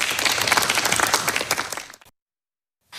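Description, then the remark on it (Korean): An audience at a forum applauds to welcome the final presenter, a university professor. The clapping is dense and steady for about two seconds, then quickly dies away into silence with no voices over it. “박수로 맞아주십시오.”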